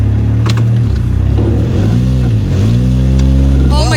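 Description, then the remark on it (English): A car engine revs and drones up and down in pitch as the car maneuvers with about half an inch of room among many parked cars in a parking lot, making a many-point turn, with a couple of short, sharp bumps as it hits another car. A voice briefly sounds near the end. “Oh, there was just another hit, I think.”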